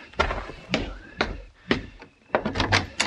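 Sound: door being pushed open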